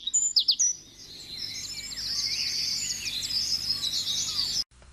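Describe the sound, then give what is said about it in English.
A vireo, a small songbird, sings a continuous, warbling stream of high, rapid notes, clear, over a soft background hum, after a few sharp opening chirps, from the leafy tops of trees in summer. “to pass most of its time, small and alone and seldom seen, in the leafy tops of trees, singing nonstop throughout the dog days of summer.”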